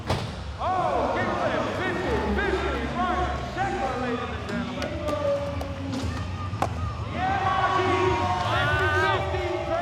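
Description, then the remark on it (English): A crowd cheers and shouts continuously, many voices overlapping in loud whoops and yells, with a few dull thuds underneath and swells of louder cheering near the end. “Make some noise, ladies and gentlemen.”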